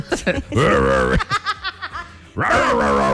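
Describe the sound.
A person's voice imitates a dog barking up close, with drawn-out howling yelps broken by a quick run of short, choppy yaps, then another long bark-like wail.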